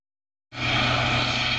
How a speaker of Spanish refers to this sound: Con este sonido se despertaban la pasada noche los vecinos del Rompido, en Huelva. Un helicóptero de la Guardia Civil seguía dos embarcaciones relacionadas con el narcotráfico.